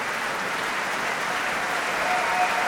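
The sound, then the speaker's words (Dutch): An opera hall audience applauds soprano Elisa Maieschi as Juliette, a dense, even wash of many hands clapping at once with no pauses or swells, and no voices rising above it. “En je hoort het aan de zaal.”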